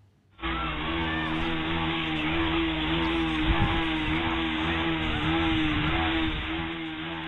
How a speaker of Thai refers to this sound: นี่เป็นคลิปที่ผู้ใช้ Facebook คนหนึ่งนำมาโพสต์เป็นชายที่เบิ้ลเครื่องรถจักรยานยนต์เสียงดังเข้าไปในโรงเรียนชุมชนบ้านแวงหมู่ที่7บ้านดงตำบลบ้านผืออำเภอบ้านผือจังหวัดอุดรธานี